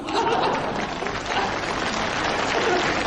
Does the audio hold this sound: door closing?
no